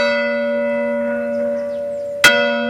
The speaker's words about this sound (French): Les cloches de l'église. Eh bien, à Montsaguel, dans le Bergeracois, elle a sonné pour la première fois depuis plus de 2 ans.